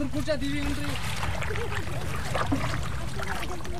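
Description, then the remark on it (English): Steady water sloshing and trickling from a small wooden boat with a canopy being rowed with a traditional heart-shaped paddle by a boatman on Wooler lake, a continuous wash of sound with a faint voice and wavering calls in the background. “he's alternating between using the motor and skillfully rowing with the traditional heart-shaped”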